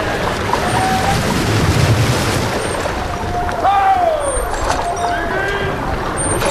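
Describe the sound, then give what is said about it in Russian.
A small rowing boat approaches an anchored ship across harbor water with a steady, noisy wash and splashing, while faint high whistling cries drift over the busy harbor background. “Дантес, к нам идет лодка.”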